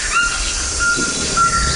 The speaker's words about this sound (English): Oh, now we're hearing the call of a Cuvier's toucan.